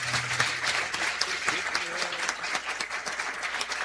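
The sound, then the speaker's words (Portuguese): Steady applause from a crowd for the priest, dense crackling claps filling the whole clip at a fairly even level, with faint voices mixed in underneath. “Mais uma salva de palmas, nosso Padre.”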